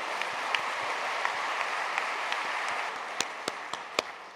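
A crowd applauds steadily, a dense wash of many hands clapping, with a few sharper claps standing out near the end, as the audience applauds the mothers-in-law present.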